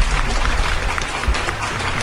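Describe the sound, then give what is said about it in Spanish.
Steady applause from a small group, a dense crackle of many hand claps holding at an even, fairly loud level for about two seconds without any talking. “Un aplauso, señor productor, para usted.”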